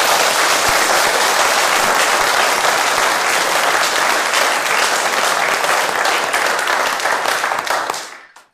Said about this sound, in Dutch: Graag nog een keer een heel groot applaus.